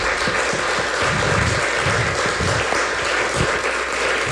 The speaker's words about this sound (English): Can we do a round of applause for William James Neal?